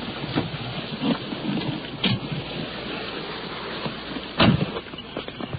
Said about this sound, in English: Rain is coming down now. It's beating down pretty hard as we're crossing this parking lot and heading toward a house, stepping over mud puddles under a tree.